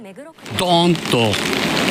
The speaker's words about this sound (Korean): 거센 비바람에 우산을 제대로 쓰지 못할 정도입니다.